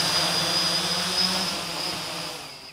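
Drone propellers buzz steadily and loudly during a test flight in a cage at a drone research and testing site in Braunschweig, Germany, a continuous whine with a sharp high-pitched tone holding throughout, fading slightly toward the end.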